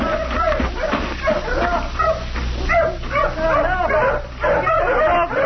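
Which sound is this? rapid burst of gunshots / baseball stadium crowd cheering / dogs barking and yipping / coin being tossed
dogs barking and yipping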